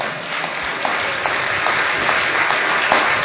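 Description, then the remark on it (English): A church audience claps steadily together as a hand clap of praise to God, a dense wash of many hands applauding at a strong, even level for a few seconds with no voices standing out. “If I got parents in here, you ought to say amen and give God a hand clap of praise.”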